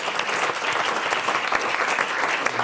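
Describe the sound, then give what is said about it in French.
Steady audience applause for a participant's good suggestion in a quiz about what the human body is made of, a dense wash of many hands clapping at once, fairly loud and continuous throughout with no voices standing out. “On peut applaudir”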